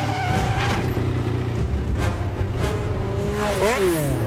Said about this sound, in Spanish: Esta es una escena de persecución en donde destrozan un montón de coches y ya está.